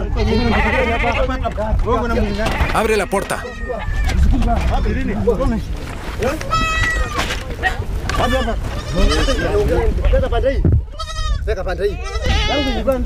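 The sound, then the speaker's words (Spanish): Many goats in a pen bleat in overlapping, wavering cries that continue almost without pause, a dense chorus from a crowded group, while a person speaks briefly over the noise. “Abre el corral. Tienes demasiadas cabras.”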